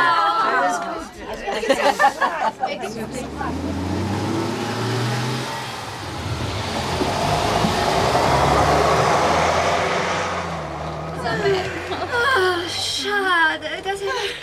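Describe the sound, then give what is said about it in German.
A bus engine rumbles and revs up as it pulls away, growing louder to a broad roar before fading, with people chattering before and after. “Steigen Sie schnell ein, damit der Bus nicht ohne Sie losfährt.”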